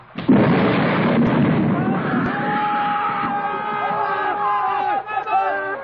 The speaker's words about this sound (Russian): Потом загрохотал гром.